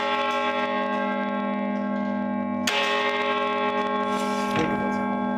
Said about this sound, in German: Die Stiftskirche hat sogar ein Carillon, ein Glockenspiel mit 47 Glocken. eines der größten in Deutschland und eine wirklich aufwendige Konstruktion,